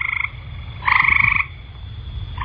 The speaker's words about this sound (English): The mating call of a horned toad.